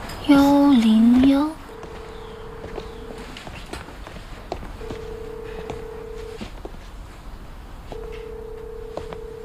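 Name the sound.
telephone dialing tones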